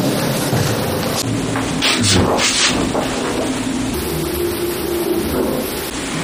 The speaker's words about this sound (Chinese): 咚的一声，它这个电梯停的那一瞬间，咚的那个爆炸声， 哎，就这个声音，这声是最大的。